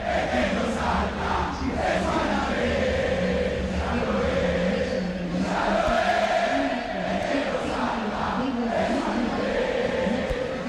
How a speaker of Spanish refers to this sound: El grito de la gente de Boca, el grito del público Xeneize aquí en la Bombonera, hasta que marcaba Fafi Pérez, una Bombonera que empieza a moverse también mientras se está dando el mensaje habitual de Conmebol